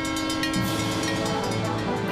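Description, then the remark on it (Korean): A train rumbles steadily past, its deep continuous roar joined by sustained horn tones that hold throughout, with no voices. “어? 기차다!”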